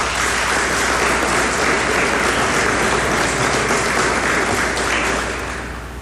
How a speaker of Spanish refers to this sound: que lo presentó el ex ministro Limber Cruz, que hizo un gran trabajo para lograr este objetivo, que le pido un aplauso a él.